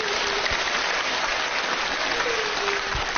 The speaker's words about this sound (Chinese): 掌声送给他。